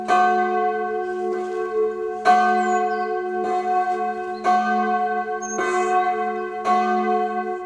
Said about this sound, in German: Weihnachten und besonderen Feierlichkeiten erklingt dann natürlich das komplette Geläut aus 4 Glocken.